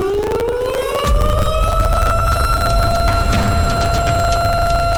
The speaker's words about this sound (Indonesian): Yap, alarm bencana.